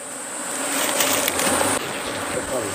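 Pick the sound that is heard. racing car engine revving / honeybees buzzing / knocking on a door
honeybees buzzing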